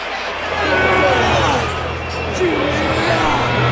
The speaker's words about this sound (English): Now the Springbok Warriors emerge from underneath the tunnel and they psych up the crowd.